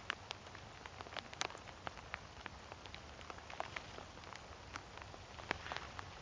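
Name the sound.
light rain falling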